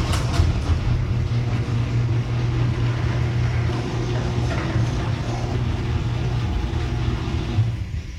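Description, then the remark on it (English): A steady, low mechanical rumble with a constant hum as a door glides smoothly on new premium nylon rollers while its motor buzzes underneath, even and continuous throughout. “Still a little bit of a buzzing noise from the motor that everybody can hear, but that is real-world audio.”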